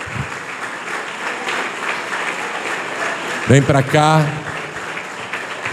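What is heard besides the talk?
audience applauding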